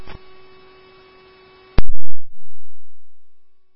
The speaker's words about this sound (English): There's an alarm that's been going off the last 5 minutes.